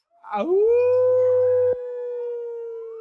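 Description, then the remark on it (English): Voices of a group about to dance like wolves let out a loud, sustained wolf-like howl, rising in pitch at the start and holding a long steady tone, imitating wolves; a low rumble underneath cuts off partway through. “What song would you like to do first, or what animal would you like to dance like? Wolf. Wolf. All right, let me hear my goach. Goosu goachnaw. Let me hear my wolves.”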